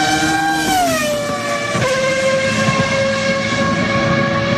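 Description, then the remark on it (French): A loud Ferrari sports car engine drones steadily, its whining pitch sliding down early on before settling into a sustained roar, with no one speaking. “Et vous avez raison, parce que ce sont trois Ferrari”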